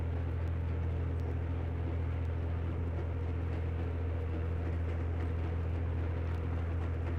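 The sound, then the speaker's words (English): A Southern Pacific 3030 first-generation diesel commuter train on a high-speed afternoon commuter run through San Mateo, California. Its engine is a deep, continuous rumble with a strong low drone and a broad roar over it, holding an even loudness throughout with no voices. “And that Southern Pacific 3030 made a high-speed afternoon commuter run through San Mateo, California.”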